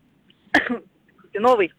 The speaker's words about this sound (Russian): Ты кашляла, если честно, дольше, чем говорила.